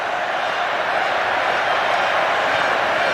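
Mexico fans applaud the energetic play of Mexico player Mora after he comes on, in a continuous, dense wash of clapping and crowd noise that holds steady and loud for the full three seconds, with no single claps standing out. The match is at the Azteca Stadium in Mexico City, with 80,824 fans attending.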